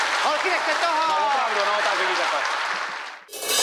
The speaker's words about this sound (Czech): A ještě jí tleskejte za tu pětku.